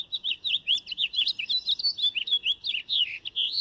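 A nightingale, recorded in Ankara, sings a rapid, varied run of high whistles, trills and chirps, continuous and bright for the whole stretch, with no voices.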